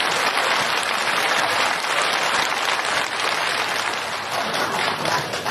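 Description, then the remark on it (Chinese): An audience claps steadily for about five seconds, a dense, even wash of hand claps that holds at a constant loud level without building or fading, with no voices over it. “谢谢您稀稀拉拉的掌声， 谢谢。”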